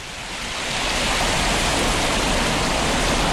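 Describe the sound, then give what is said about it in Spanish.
A waterfall at the source of the Cuervo river roars in a steady, dense rush of crashing water, loud, swelling slightly at the start and then holding constant with no voices. It is a spectacular cascade on a mountain stream, about 500 metres along a riverside trail. “A unos 500 metros de paseo, llegamos hasta la cascada más espectacular.”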